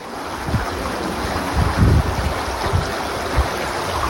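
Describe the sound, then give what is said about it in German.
A steady, loud roar of rushing floodwater from the Vicht, a small river turned torrential in Stolberg near Aachen, Germany, during the 14 July flood, with deep rumbling surges and thuds breaking through the constant wash of sound. No one speaks. “Die dann nach und nach am 14. Juli ein reißender Fluss wird. Hochwasser.”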